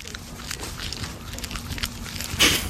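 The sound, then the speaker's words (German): A baby tree porcupine smacks as it eats, recorded with a microphone held up to it, with soft, irregular wet clicks over a steady low rumble and one sharper, louder smack near the end. “Ich halte mal das Mikro dran, mal hören, ob er schmatzt.”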